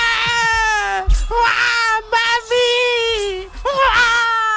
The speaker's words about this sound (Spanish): ¡Ay, qué dolor de niño, qué dolor de bebé! Llora más que Froilán.